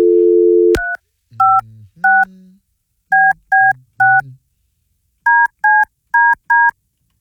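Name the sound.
telephone keypad dialing tones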